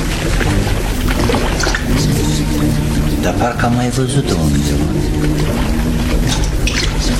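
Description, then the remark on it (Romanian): Water sloshes and laps steadily throughout around a bottle floating on the water, a busy liquid texture running under a man's speaking voice. “O sticlă plutește pe apă.”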